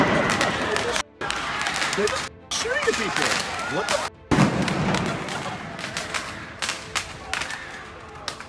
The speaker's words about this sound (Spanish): Los afectados corrían para refugiarse de los desalmados que disparaban fuegos artificiales a todo el que pasara.